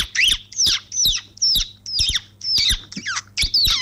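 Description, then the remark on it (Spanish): A person imitates a baby chick with a rapid series of about nine high-pitched, squeaky peeps in a steady rhythm, each sharp and bright with short gaps between. “mi talento es, o sea, mi lado oculto de imitar un pollito. Mira, escucha. Imitar un pollo.”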